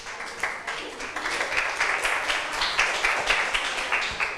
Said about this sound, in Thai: ขอบคุณกลุ่ม1ค่ะปรบมือให้เพื่อนหน่อยค่ะ